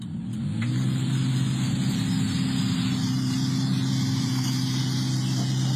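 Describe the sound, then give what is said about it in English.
A car engine runs steadily, its low hum holding level with a slight rev near the start as the car edges along, its driver having trouble getting out of a car park outside a bottle shop in Kareen, Perth, on a Saturday; no voices present. “And it all started with a driver that seemed to be having a bit of trouble getting out of the car park.”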